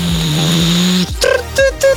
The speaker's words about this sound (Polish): I co to jest? Ekspres do kawy, no hello!